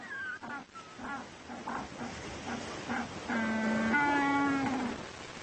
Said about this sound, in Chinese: 但是并非个个都有伴侣，单身汉必须加入这个喧闹的群体，向异性发出邀请。据说雄鸟靠驴子般的叫声来打动雌鸟的芳心。